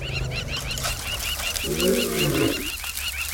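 A single low, harmonic lion roar rises and fades over about a second, set against a steady backdrop of repetitive high bird chirps and ambient hiss.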